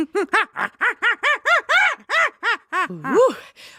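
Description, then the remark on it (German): A person imitates a baboon scream: a rapid series of about a dozen short, rising-and-falling hooting yelps, ending in a higher, strained squeal, at moderate volume. “That was my Schrei des Pavian.”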